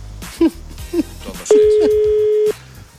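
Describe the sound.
Two short beeps, like phone keypad tones, are followed by a single long, steady ringback tone lasting about a second, as a phone call is placed to be put on air. Faint voices murmur in the background.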